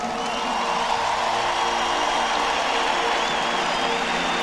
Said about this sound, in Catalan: Volia demanar un aplaudiment també per tot l'equip tècnic que ha fet tot això possible.